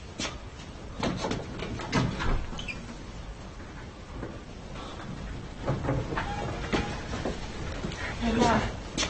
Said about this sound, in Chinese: 我去开门。